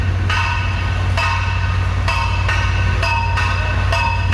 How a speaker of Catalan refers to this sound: I això que hi ha uns elements de protecció damunt de la maquinària que rebaixen el soroll en 63 decibels, gràcies a que un boi arquitecte ho va demanar. Avui fa 3 mesos de l'esvoranc provocat per les obres de l'L9 al Putxet.